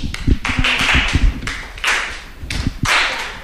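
Flamenco-style hand clapping beats out a quick, steady rhythm of sharp palmas, with bursts of hissy noise rising and falling between the claps. No one speaks.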